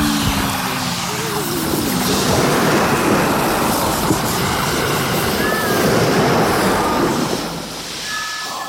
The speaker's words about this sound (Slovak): Za obrovského rachotu sa loď naklonila a potom sa s praskotom zrútil hlavný stožiar.